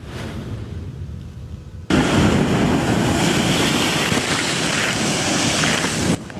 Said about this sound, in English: A major safety warning for anyone heading to the beach this week. Dangerous waves and powerful rip currents are hammering the coast.